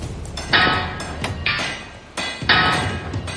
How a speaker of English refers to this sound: In a 16-hour shift, this crew hammers home some 700 rivets.